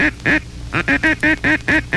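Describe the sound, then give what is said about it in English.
A duck call is blown in the cluck call, short nasal clucks: two quick notes, a brief pause, then a rapid, even run of about six more, loud with no talking. “Interchangeable with the feed are the four following calls.”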